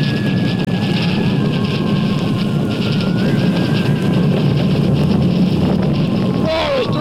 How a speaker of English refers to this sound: the commotion of Saturn V's blastoff threatens to shake apart the booth where Cronkite is reporting the launch